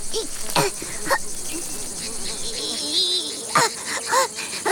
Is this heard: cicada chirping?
yes